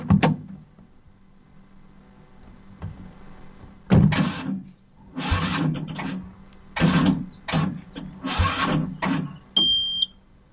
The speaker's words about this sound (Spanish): ¿Qué le pasa a este auto que no arranca?